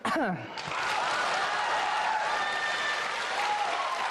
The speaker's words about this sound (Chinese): 你看观众说完了之后，观众对你报以热烈的掌声